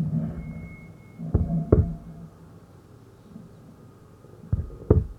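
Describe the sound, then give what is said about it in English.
The small, fast, muffled heartbeat of an unborn baby, with two double thumps spaced a few seconds apart, each lub-dub pair soft over a low, rumbling background hum. “It was only your small, the fast heartbeat.”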